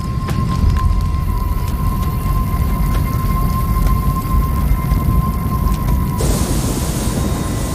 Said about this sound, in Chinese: 又过了几周，卡塔维国家公园的旱情进一步恶化。远处的风暴没有带来雨水，而闪电却点燃了干燥的草原。